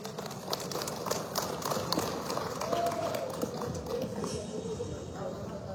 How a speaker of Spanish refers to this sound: vamos a recibirlo con este fuerte voto de aplauso, por favor.